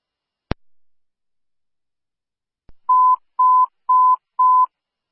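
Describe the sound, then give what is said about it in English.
Fire dispatch paging tones paging out Engine 10, Medic 10 and Ladder 1 to a medical incident, a pulseless non-breather, at Schierenberger Hall, 317 Knutson Drive: after a sharp click and a soft tick, four short, identical steady beeps at one mid pitch sound in an even rhythm, loud and with no talking. “Attention all listening units, Engine 10, Medic 10, Ladder 1 have been paged out to Schierenberger Hall, 317 Knutson Drive.”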